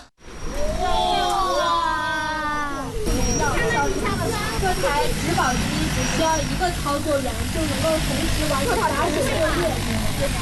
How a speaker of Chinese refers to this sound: 研学的最后一站是洛阳国家大学科技园，在园区一家创新型企业的无人机训练场上，一架大型植保无人机腾空而起，学生们仰头观看，不时发出阵阵惊呼。